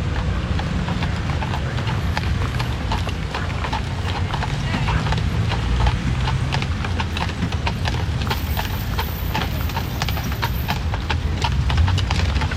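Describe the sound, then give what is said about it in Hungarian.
Steady, rhythmic clip-clop of horse hooves from a large horse-drawn carriage at a railway station, with a low rumbling beneath and people talking over the hoofbeats throughout. “Nem magának kiáltanak abból a batárból?”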